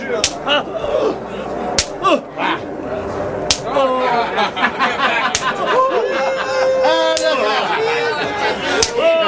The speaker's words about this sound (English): Scourge him with a whip of many thorns. Soldier, whip the prisoner.